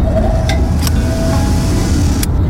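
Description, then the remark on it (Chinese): Factory machine tools run in a steady, heavy low rumble with a faint high whine, broken by a few brief sharp hissing clicks. The drone stays constant throughout, with no voices. “这是工厂的机台声，也是台湾经济火车头的引擎声。”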